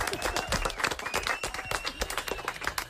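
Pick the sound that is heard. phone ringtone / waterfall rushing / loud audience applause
loud audience applause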